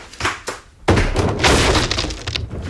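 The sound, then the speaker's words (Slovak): Two dull thumps from kicks against a door, then a loud crash as it bursts open, followed by a couple of seconds of rattling, splintering debris. “Mám vyvaliť dvere?”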